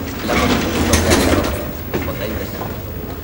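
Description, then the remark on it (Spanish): A sliding door in a hospital corridor glides open with a mechanical whoosh and a couple of soft clunks as a woman walks up to it, set against steady indoor room noise with indistinct voices murmuring in the background. “Una puerta corredera se abre ante ella.”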